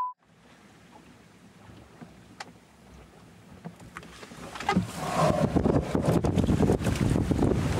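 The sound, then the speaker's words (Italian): Wind of about 25-28 knots roars and buffets the microphone as a rising sea churns around a small rowing boat, the rushing and splashing swelling louder and more turbulent toward the end, with no voices. “Un mare totalmente in aumento rispetto a quello di solo un'ora fa, saranno all'incirca 25-28 nodi.”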